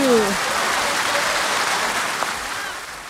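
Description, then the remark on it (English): A steady burst of applause from a group, dense and even clapping that holds at a fairly loud level for a few seconds, with a brief tonal sweep at the very start. “Oh, a round of applause for you.”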